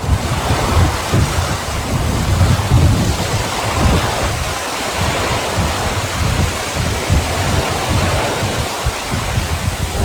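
A steady, unbroken wash of rain noise aboard a sailing ship anchored near Gallipoli, with a Greco-Tramontana wind, loud and mixed with rushing wind and surging water, holding an even level throughout with no voices.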